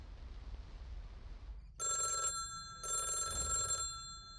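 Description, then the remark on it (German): A telephone rings twice at 12 noon in clear, evenly spaced bursts with a bright, tonal bell sound, preceded by a low background hiss and rumble; no one speaks. “Um 12 Uhr mittags klingelte das Telefon.”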